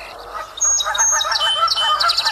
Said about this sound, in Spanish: Y el chingolo gorgiblanco.